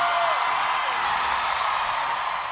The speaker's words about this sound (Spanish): México y Argentina. Un aplauso más fuerte para esta herencia, la música.